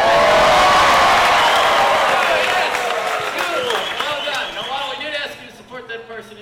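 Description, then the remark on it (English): A large game show studio audience erupts in loud, wild cheering and applause as contestants hit 1 million points with the Disney Cruise, with whoops and shouts rising above dense clapping before the noise gradually subsides toward the end. “Let me hear you go absolutely nuts. Do that now!”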